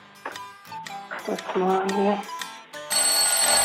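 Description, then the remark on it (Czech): Voices talk over one another during a quiz, then a loud electric bell cuts in to mark the end of the one-minute answer time and rings continuously, a bright sustained metallic clatter filling the final second. “Zvoní a bohužel musím říct, že během minuty určené trefě se vám nepodařilo odpovědět na obě 2 otázky, jenom na tu první.”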